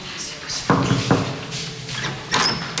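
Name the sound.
knocking on a door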